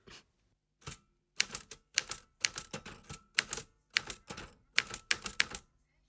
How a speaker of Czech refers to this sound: psací stroj nám něco napsal.